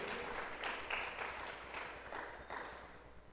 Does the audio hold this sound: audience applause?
yes